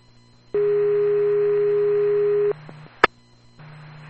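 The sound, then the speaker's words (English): A loud, steady electronic fire dispatch paging tone for the chief holds for about two seconds, then cuts off, followed by a sharp radio click over a faint low hum. “QVFR Chief Tones, both stations unmanned.”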